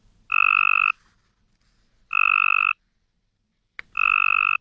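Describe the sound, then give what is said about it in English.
Three loud Cope's gray tree frog mating calls, each a buzzy pulsed trill lasting about half a second, separated by short pauses, with no voices present; the strong, healthy-sounding call used as the target in a University of Tennessee, Knoxville study of female tree frog mate choice. “To the human ear, not much difference, but to a Cope's gray tree frog, the first one sounds strong and healthy, everything a lady frog is looking for in a mate.”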